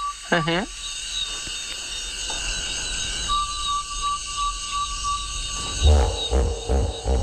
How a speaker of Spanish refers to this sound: Parece que están matando a alguien por ahí, pero es un damán, sin más. Un sapo, ¿eh? También hay sapos. Sí, y una polluela africana.